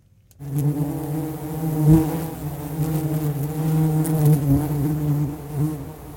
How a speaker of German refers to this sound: Und? Erkennen Sie das Geräusch? Es ist das Summen von Bienen vor ihrem Bienenstock.